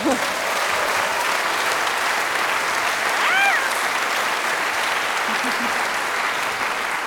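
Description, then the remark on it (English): An audience claps steadily for several seconds, a dense, even wash of applause with a brief whistle or cheer rising above it midway. “You don't know how to receive the applause.”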